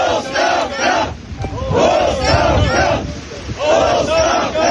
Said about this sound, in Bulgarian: Протестиращи пробиха охраната и стигнаха до портала на базата с възгласи оставка.